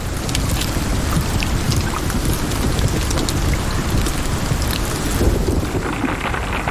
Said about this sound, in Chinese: 它需要担心的是从空中砸落到地面的冰雹。有时暴风雨会裹挟着冰雹倾泻而下，大颗粒的冰雹甚至能以每小时200多公里的速度砸向地面，小颗粒的冰雹也可能给动物造成伤害。